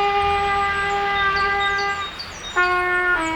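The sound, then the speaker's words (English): A trumpet blasts long, blaring notes, played clumsily by the kid next door learning the trumpet: one held tone for about two seconds, a brief shaky break, then another loud, brassy note starting up. No one speaks. “We can't help the kid next door learn the trumpet any faster.”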